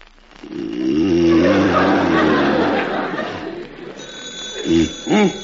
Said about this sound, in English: How do you shut this darn thing off? Where's the stopper? Put down the alarm clock. It's the phone. Oh, I knew it couldn't be the alarm because I just...